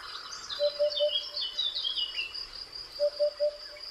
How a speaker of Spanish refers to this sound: Ese es el cuco, no, es bubela. ¿Viste que es bubela? Podría ser. Para mí es bubela o cuco. No, pero ahora canta distinto. Al principio cuando cantó, para mí era cuco.